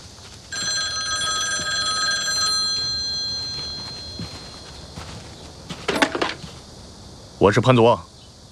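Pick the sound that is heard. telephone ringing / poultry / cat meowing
telephone ringing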